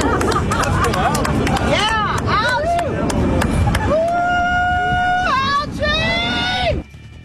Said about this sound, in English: Yes, they're cheering pond scum. They're literally chanting for algae down at the reflecting pool on the mall in Washington, D.C. You heard the women there dressed like cartoon characters or Oompa Loompas or something from Willy Wonka.